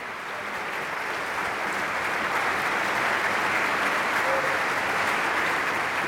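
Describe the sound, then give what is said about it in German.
Sustained applause from a large concert audience for a choir, a dense, steady wash of clapping that fills the whole stretch at even loudness, with no voices standing out. “Für den Applaus bedankt sich … mit einer Zugabe”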